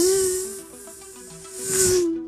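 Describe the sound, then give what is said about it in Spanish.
A voice mimics a fly approaching from afar with a steady, droning hum that runs for about two seconds, dipping slightly in the middle and swelling with a breathy hiss before cutting off. “Y luego se escucha una mosca venir de lo lejos.”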